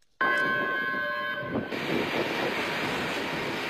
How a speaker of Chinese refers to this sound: 下午4:56，伴随着悠长的鸣笛声，红旗渠号红色旅游列车缓缓驶入红旗渠站。这趟列车车次定为 K1969 次。